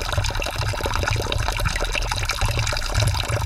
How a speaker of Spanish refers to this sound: Ahora mismo me he dado cuenta de que no tenemos suficiente agua, pero no pasa nada, ya que aquí cerquita, solamente unos metros, se halla una fuente con el agua preciosa.